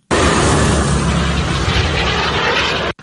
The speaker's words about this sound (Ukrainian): Ракета «Нептун».